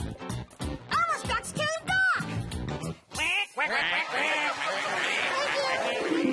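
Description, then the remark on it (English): A duck quacks several times in quick, loud bursts, then a fuller, busier wash of sound takes over for the rest. “But then one day, Elmo heard a quack.”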